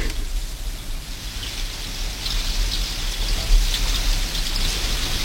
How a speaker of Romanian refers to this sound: Dar acum s-a preschimbat în ploaie.